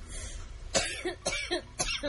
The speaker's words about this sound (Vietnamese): Vừa đói vừa ho